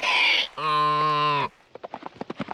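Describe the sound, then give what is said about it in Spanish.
A harsh burst and a long, steady voiced tone give way to a quick, uneven run of galloping hoofbeats, a dozen or so sharp thuds in rapid clusters. “Voy todo un caballo adelante ahora. Sí, pero ¿puedes montar sin manos?”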